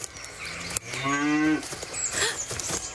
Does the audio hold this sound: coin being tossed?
no